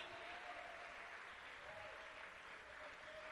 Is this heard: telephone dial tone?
no